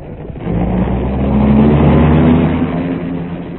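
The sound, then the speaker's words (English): A car engine revs up with a rising growl and pulls away, holding a loud, steady drone before easing slightly at the end. No one speaks. “In a dark car with a hat pulled well over its eyes, Seacombe was next driven”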